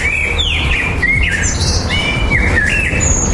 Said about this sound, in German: Keine Sorge, das ist völlig normal. Im Frühjahr singen Vögel nämlich besonders viel, um ihr Revier zu verteidigen und Partner anzulocken. Jetzt steht der Nachwuchs im Mittelpunkt und da bleibt einfach weniger Zeit fürs Konzert.